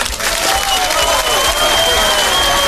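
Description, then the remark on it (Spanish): A loud burst of crowd applause, dense and steady for a few seconds, with a thin sustained whistle-like tone running through the clapping. No one speaks. “Y un aplauso para el”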